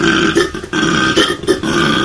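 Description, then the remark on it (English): A koala's deep bellowing grunt, loud, pulsing in a rough, belch-like rhythm of repeated throaty heaves for about two seconds with no talking. “No. That was a koala.”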